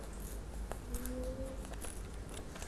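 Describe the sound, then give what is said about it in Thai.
Paper being slowly torn by hand, without scissors, into a straight strip, a soft crackling rip that stretches on for a few seconds, fairly quiet, with a faint tonal hum underneath and no voices. “เมื่อวางแผนเสร็จแล้วคุณครูแพลวก็จะเริ่มฉีกเป็นเส้นตรง”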